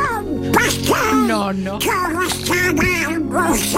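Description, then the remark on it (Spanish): The voice actor of a well-known cartoon duck performs its voice, producing continuous raspy, buzzy quacking speech that warbles up and down in pitch, loud, with a steady drone underneath. “creo que habrá muy pocos oyentes que no conozcan la voz de tu padre. Porque tu padre es el Pato Donald”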